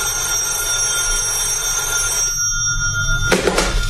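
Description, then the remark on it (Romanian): A telephone bell rings steadily with a bright, sustained metallic tone, stops, then a brief second ring bursts in near the end. Fairly loud, with no voices. “Maria? Da, coniță. Răspunde la telefon.”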